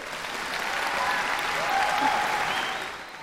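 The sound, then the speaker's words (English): Steady audience applause for the Victorian College of the Arts Secondary School Chorus and Orchestra after performing Dark Night of the Soul by Norwegian composer Ola Jarlo, at a 3MBS Made in Melbourne concert; a dense wash of many hands clapping that swells slightly in the middle and holds at an even, moderately loud level with no talking over it. “And that applause for the VCAS, Victorian College of the Arts Secondary School Chorus and Orchestra.”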